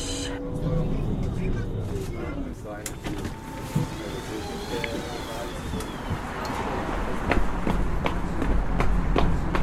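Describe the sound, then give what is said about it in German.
Quick running footsteps slap along, growing more rhythmic and insistent toward the end, over a busy, noisy street-like background with some indistinct activity. “Rennen, komme ich nicht zu spät.”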